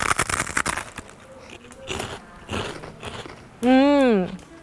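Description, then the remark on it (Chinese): Loud, crisp crunches of biting into very crispy fried beef skin, followed by a run of brittle chewing crackles, ending in a brief sung or voiced tone. “听到我咀嚼的声音了吗？特别特别的脆，我再咬一下哈。”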